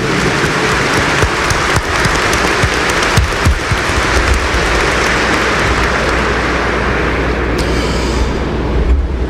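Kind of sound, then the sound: crowd, audience applauding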